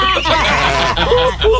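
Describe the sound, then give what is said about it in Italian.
A loud, buzzy raspberry blown with the mouth, sustained for under two seconds, tangled with wavering, squealing vocal sounds like a comic bleat or snicker. “Allora, pecora col culo che pernacchia.”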